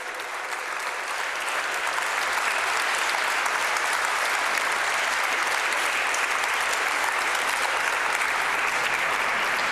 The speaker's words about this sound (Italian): Facciamolo adesso, va, un bel applauso e sosteniamo la prima corale che arriva dalla Bulgaria.